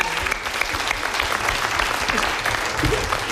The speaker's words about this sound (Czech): No, ale prosím vás, ještě potlesk pro to podbarvení. To bylo hodně dobré.